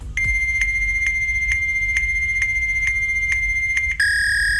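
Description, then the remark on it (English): A steady, high-pitched electronic tone from a fax machine, with faint regular clicks every half second, then an abrupt switch to a slightly different tone near the end. No voices. “Yeah, it's a fax machine.”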